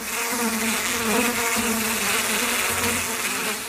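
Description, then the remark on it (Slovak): A steady drone of bees buzzing fills the whole stretch, fairly loud, the wingbeat hum wavering slightly in pitch with no voices over it. “V triede opeľovačov to dnes len tak bzučalo.”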